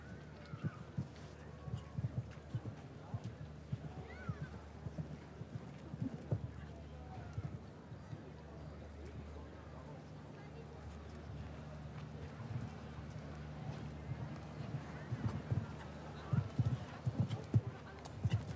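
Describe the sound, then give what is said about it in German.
Rhythmic hoofbeats of an 11-year-old horse galloping under a rider on soft ground in an arena, steady, with a low background hum and occasional faint voices. “Nämlich eine so großzügig ausgestattete Galoppade, die er hier auf diesen Linien gut ins Spiel bringen kann.”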